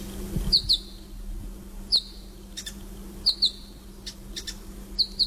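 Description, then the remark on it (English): Sharp, high chirps from small birds ring out in quick pairs and singles, scattered across a few seconds over a low steady hum, clear. New Holland honeyeaters calling. “They are the New Holland honey eaters.”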